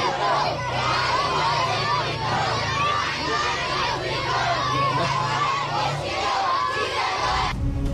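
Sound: children shouting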